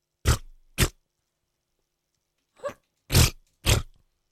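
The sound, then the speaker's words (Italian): A voice imitates armpit farts with the mouth: five wet, blown raspberry bursts, two close together, a pause, then three more, fairly loud, with no talking. “Mi fai una scurreggia con l'ascella per favore?”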